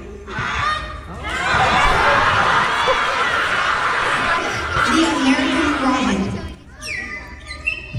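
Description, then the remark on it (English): A boy from Oklahoma imitates a Canada goose, giving a run of loud, nasal honks for several seconds, with laughter and crowd noise mixed in and a brief higher whistled call at the end. “The Canada goose.”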